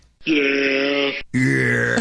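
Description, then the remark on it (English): A goat bleats loudly twice in quick succession, each call a long, strained, nasal cry with a wavering tone, the second starting right after a brief gap. “By the way, I found a goat noise. That's an actual goat.”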